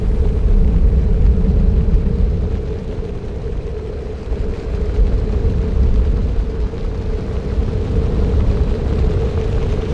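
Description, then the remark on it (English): A deep, thunderous roar of countless beating wings from a huge flock of passenger pigeons forming a dark cloud over a city, loud and unbroken for the whole stretch, with a steady rumbling low end and a faint hum running through it. “It's the passenger pigeons! And then the dark cloud was over the city. Day was turned to dusk. The thunder of wings made shouting necessary for human communication.”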